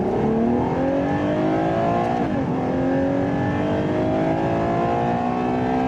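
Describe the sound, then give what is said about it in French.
The naturally aspirated 6.5-litre V12 of a 725-horsepower Ferrari utility vehicle revs hard and continuously toward 8,000 rpm, its rich harmonic whine climbing steadily in pitch, with a brief dip and shift around two seconds before rising again. Loud throughout, no talking. “Qui dit V12 dit quand même sonorité assez noble.”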